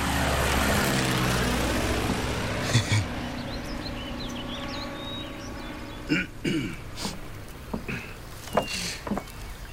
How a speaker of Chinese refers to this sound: 鬼子的飞机马上就要往南开拔了，现在连个办法都没有啊。